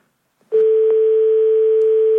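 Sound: telephone dial tone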